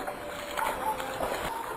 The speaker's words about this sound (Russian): снаружи послышались шорох и чей-то торопливый шепот, сопровождаемый хлюпаньем, как будто кто-то ступал по грязи.